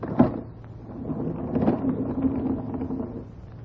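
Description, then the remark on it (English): A sharp click of a latch, then a door slowly swinging open with a low, drawn-out creak, late at night, with no voices. “I think if we open the door, we will be able to see.”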